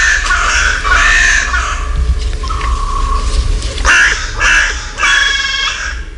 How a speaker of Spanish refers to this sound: Y aquí, en los árboles que flanquean el Palacio Real, se despiertan las cornejas a su manera, con esta voz cascada.